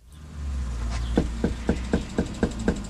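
Someone knocks steadily on a house door while door knocking in Yakima, in Washington's 14th Legislative District, under a beating sun: about eight or nine sharp, evenly spaced raps over a low outdoor rumble with no voices.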